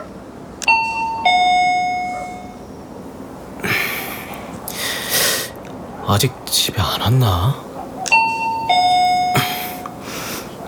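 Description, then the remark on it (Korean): An electronic doorbell at the last unit on the fifth floor of an old apartment building chimes twice with a bright two-tone ding-dong, separated by several seconds of quiet breathing and a soft whispered question in between. “초인종을 눌렀다.”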